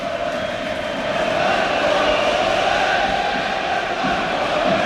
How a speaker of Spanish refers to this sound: Y vamos a ver más cánticos.